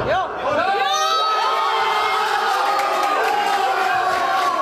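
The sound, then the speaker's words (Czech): Early in the morning, football fans in a family club pub, U Cmolů in Dolní Němčí, Slovácko, erupt in loud, sustained cheering after Krejčí's headed go-ahead goal. Many overlapping shouts and high whooping yells ring out over a dense wall of roaring voices. “Nejdříve po Krejčího vedoucím gólu hlavou vytryskal na Slovácku velikánský gejzír radosti.”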